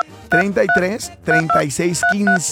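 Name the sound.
telephone keypad dialing tones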